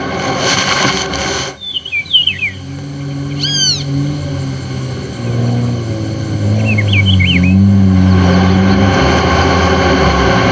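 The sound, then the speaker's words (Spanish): A supply truck carrying food and goods drones low and steady as it labors over a rough, muddy track from the town of Santa Rosa toward mining sites in the mountains, with sharp high squeaks breaking through now and then and the rumble growing slightly louder toward the end. “La alimentación y otros bienes han sido distribuidos en la parte trasera de los camiones.”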